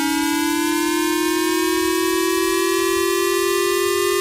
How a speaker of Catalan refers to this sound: Però després dèiem, al Japó tenen altres sons, no? El que escoltareu ara és el que se sent als telèfons mòbils quan hi ha un atac militar, per exemple, quan hi ha un missil que ve de Corea del Nord i hi ha perill que, pum, caigui al Japó.